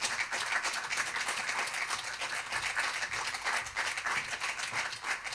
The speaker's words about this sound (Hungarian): egy csodálatos hangú énekesnő, aki emberileg és zeneileg is nagyon közel áll hozzánk, úgyhogy ő nem más, mint Zabos Regina, nagy tapsot kérnék neki.